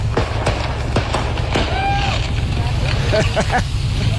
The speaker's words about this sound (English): a load of firecrackers caught fire while on the freeway. And then the fire brigade had to stop all the traffic in both directions while all the fireworks went off.